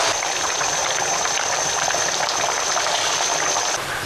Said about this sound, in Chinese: 20分钟后，把木瓜挑出来，撒入大米，放小火焖煮一阵子。再把挑出的木瓜和清洗好的杏干一起铺在米上面。继续盖上锅盖焖煮。